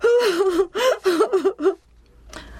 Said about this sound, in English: Now the poor man sobs and sobs so deeply you can't understand him. Then he gasps